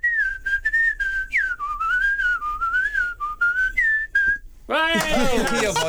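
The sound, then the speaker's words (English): A single person whistles the Kill Bill tune, a wavering melody, clear, for several seconds, with short breaths between phrases before a louder voice abruptly cuts in at the very end. “on the call floor I used to do the Kill Bill whistling, and the managers be walking around because put my head down going, who's whistling, what's going on?”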